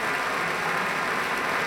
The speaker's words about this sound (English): Continuing applause for Pablo Sáenz Viegas. And with that, we've come to intermission during this broadcast concert by the Pacific Symphony.